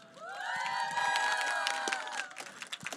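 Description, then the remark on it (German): A crowd cheers and whoops loudly, with sustained shouting voices and scattered clapping underneath, fading into lighter applause near the end, as the audience welcomes a band about to come on stage. “gebt mal schon mal einen großen Applaus für …, die gleich auf die Bühne kommen”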